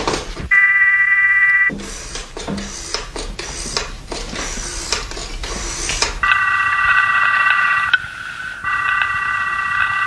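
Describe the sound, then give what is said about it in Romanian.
A telephone is dialed to call the police prefect, with a steady tone and a quick run of clicks and short tones, then a loud electronic ringing tone repeats in close, even pulses. “Da, un motiv în plus ca să-i telefonez.”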